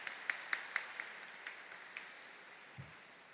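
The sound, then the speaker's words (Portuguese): Brief, quiet audience applause at a Mass, for a parishioner who tithes: a handful of sharp, separate handclaps that start fairly steady, then thin out and fade over about two seconds, with no voices. “Uma salva de palmas.”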